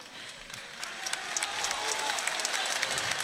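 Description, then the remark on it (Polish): An audience breaks into applause, a dense wash of many hands clapping that swells steadily and stays loud, with scattered sharper claps standing out. “Wielkie brawa, moi drodzy!”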